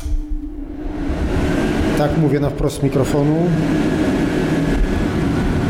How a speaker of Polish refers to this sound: Teraz włączę suszarkę.